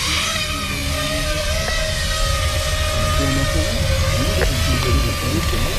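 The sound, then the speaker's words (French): Small electric FPV drone motors whir at idle after the drone is pre-armed and armed, ready for takeoff, with a steady, high-pitched buzzing drone that holds an even pitch and loudness throughout, with a few brief clicks and no voices. “Donc dans un premier temps, je viens préarmer mon drone et l'armer. Et là, je suis en mesure de décoller.”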